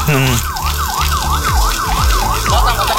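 A fire engine siren yelps loudly, sweeping rapidly up and down in a steady repeating wail, with a deep engine rumble running underneath, as firefighters put out a burning field in the Payung area.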